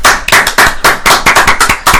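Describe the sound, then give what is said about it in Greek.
Loud, steady applause from a small group, with rapid overlapping claps forming a continuous crackling rhythm and no voices. “Ένα χειροκρότημα παρακαλώ.”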